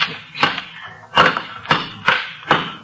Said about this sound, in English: Whatever it is, it's behind these bricks, Sarge. Here, take this crowbar and knock that wall down.